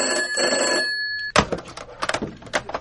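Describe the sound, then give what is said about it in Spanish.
An old-fashioned telephone bell rings loudly and steadily for about a second, then cuts off abruptly into a clatter of handling noises, like a receiver being picked up. “podedes coller os malditos teléfonos?”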